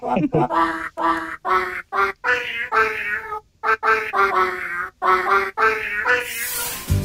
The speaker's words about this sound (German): ja, heute singt Kater Teifi für uns. Da hören wir jetzt noch mal rein.